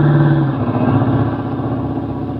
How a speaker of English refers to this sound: Duck, here comes the car.